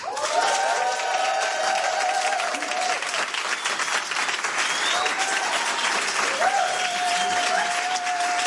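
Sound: studio audience applause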